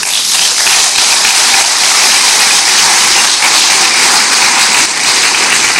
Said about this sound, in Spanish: Bendito sea Dios, dale otro aplauso.